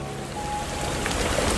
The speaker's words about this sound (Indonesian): Eh, kok hujan?